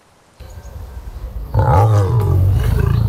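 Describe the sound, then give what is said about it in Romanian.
A big cat kept in a too-small cage at an illegal zoo in Dâmbovița County, Romania, roars loudly, a deep, throaty, drawn-out roar that rises out of a low background rumble and holds to the end, with no talking. “Printre animalele de acolo erau lei, tigri și urși chinuiți în cuști prea mici.”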